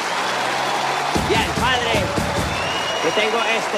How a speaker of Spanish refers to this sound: Vos que sos padre, en el día del padre, un aplauso, hombre, padre.